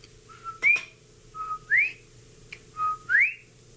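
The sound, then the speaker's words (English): A bobwhite quail whistles three times in steady succession, each call a short level note followed by a loud, sharply rising slur, clear over a faint low hum. “Just that second, I heard a Bob White whistling.”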